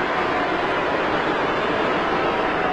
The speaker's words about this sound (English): You can hear this is a Dalton-friendly 50,000 crowd.